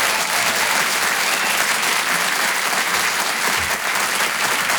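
An audience claps steadily for several seconds, a dense, loud wash of many hands with no break, carrying over faint crowd noise.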